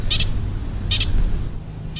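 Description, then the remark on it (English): A pika gives sharp, high-pitched alarm chirps, each a brief squeaky burst, repeating about once a second over a steady low rumble of background noise. “So I'm not an expert, but my understanding of that call, the kind of chirping call, is that it can be an alarm call or it could be a mating call.”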